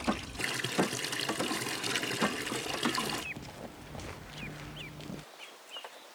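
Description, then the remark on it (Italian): Water gushes steadily into a trough at Marco's farmstead (cascina), set up as a pool for young ducks' first swimming lessons, for about three seconds, then the flow cuts off, leaving a softer trickle and a few small, high chirps before quiet. “Di un abbeveratoio nella cascina di Marco, Emanuele ha fatto la piscina ideale per i primi esercizi di nuoto che vanno effettuati in tutta sicurezza, come è il caso che sia per dei principianti.”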